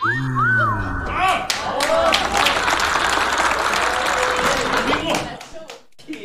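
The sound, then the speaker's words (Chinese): An audience bursts into loud, dense clapping that holds steady for about four seconds, then cuts off abruptly. A brief, wavering whoop or cheer comes just before it. “当时我诗兴大发，就地给这天塔做了一首诗，这诗的题目您各位听完了都得给我鼓掌。”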